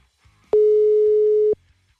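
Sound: telephone call tones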